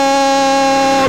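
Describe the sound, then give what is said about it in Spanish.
A loud, steady racing car engine drone as cars, including numbers 239 and 245, arrive at the finish sector, holding a constant pitch with a rich buzzing tone, then shifting slightly at the very end. No one speaks. “estamos escuchando más ruido de motores, más ruido de motores.”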